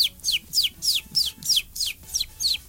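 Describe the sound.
A person imitates a clucking chicken live, not a special effect: about eight quick, high-pitched calls that slide downward, repeated in a steady rhythm with no talking over them.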